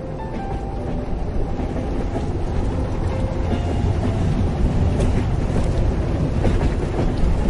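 A train in winter rumbles steadily along the track into a long tunnel, its wheels clattering over the rails in a repeating rhythm beneath a dense, continuous roar, loud throughout with no voices.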